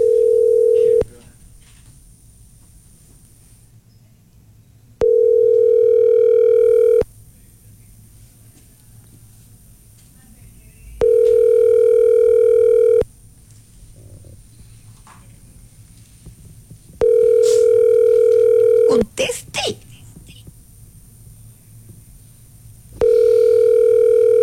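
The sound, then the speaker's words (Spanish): A telephone ringback tone on a call transferred to Movistar purrs in steady two-second pulses with long silent gaps between, repeating about five times over a faint line hum, with no one speaking. “Llamada transferida a Movistar.”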